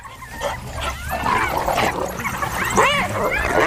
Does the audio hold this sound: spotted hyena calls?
yes